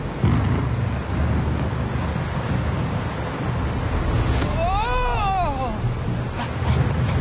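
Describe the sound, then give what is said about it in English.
A loud, steady thunderstorm roars throughout, with deep rumbling thunder swelling at the start and end. A brief wavering, whistling tone rises and falls over the storm midway through. “Good! So is the storm!”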